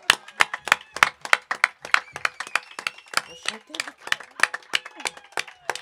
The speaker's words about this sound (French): La grande Vic du château, sous un tonnerre d'applaudissements.